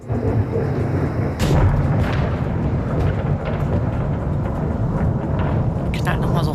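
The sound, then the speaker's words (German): Deep, loud thunder rolls on continuously for several seconds, a heavy low rumble with a few sharper cracks breaking through: a house-shaking thunderclap ("Hausrüttler") after lightning, heard in Sürup in Angeln, Schleswig-Holstein. “Der klingt ungefähr so nach dem Blitz dann.”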